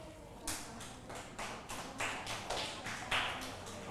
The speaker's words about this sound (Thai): ทุกคนปรบมือให้กลุ่มที่1หน่อยค่ะ